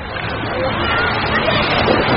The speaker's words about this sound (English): These are the sounds of Idaho's waters.